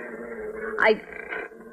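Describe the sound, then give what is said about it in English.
A dog named Tige, in a kitchen, lets out one short, sharp vocal burst partway through, over a steady low rumbling background. “I wish you'd tell that dog of yours to stand on the other side of the kitchen.”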